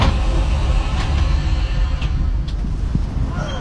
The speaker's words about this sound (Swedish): Ja, då är vi framme i Ljusdal. Nästa uppehåll i Ljusdal, tågets slutstation.